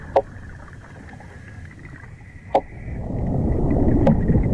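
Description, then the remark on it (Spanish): Seahorses in Posidonia seagrass meadows clicking underwater by knocking together two special bones of the skull: three sharp, isolated clicks at irregular intervals over a low, rumbling underwater drone and a faint steady hum that swells toward the end. “En las praderas de Posidonia resuenan los caballitos de mar, a base de hacer entrechocar dos huesos especiales del cráneo.”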